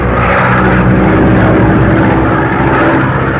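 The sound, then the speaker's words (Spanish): A light propeller plane's engine drones loudly and steadily as the plane descends in a storm, a dense, continuous hum with no voices and no break in the sound. “La avioneta descendió hasta volar a la altura regular de acuerdo a su capacidad.”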